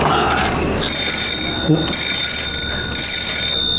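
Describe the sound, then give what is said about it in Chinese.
A telephone rings with a steady, high-pitched electronic tone that starts after a brief moment and holds continuously over a low background hum. “以后你回家，我就把电话给拔了。 行，听你的，不吵咱儿子啊。这次得接。”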